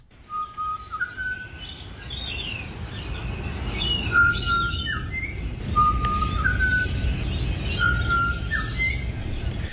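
Clear, whistled bird song at sunrise repeats in short phrases, alternating between two distinct little tunes over a steady low rumble of background noise; no one speaks.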